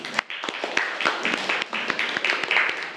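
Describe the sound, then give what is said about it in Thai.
Students in a classroom clap together for a classmate's answer at the teacher's request, a dense, steady burst of applause with many overlapping sharp claps continuing for a few seconds at moderate loudness and no talking. “ลายกนกขอเสียงปรบมือให้เพื่อนหน่อยครับ”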